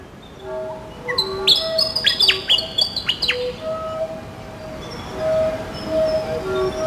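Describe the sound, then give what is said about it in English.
Bird song: a burst of bright, high chirps and quick whistled notes, then softer sustained tones that continue over a faint, steady background hiss. “Catch a breath, pneumatically powers syrinx, streams across flute's hole, cutting air.”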